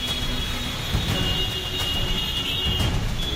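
Steady, dense road noise of a heavy traffic jam on the Delhi–Gurugram highway in India during monsoon rain, vehicles stuck for hours, a low rumbling drone of engines with a faint high hiss running throughout, continuous and fairly loud, with no voices.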